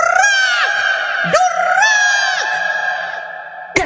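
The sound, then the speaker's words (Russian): A parrot screeches loudly, a harsh, drawn-out cry that wavers in pitch with a few brief breaks, with no voices or other sounds around it. “Еще долго слышно было, как попугай кричал.”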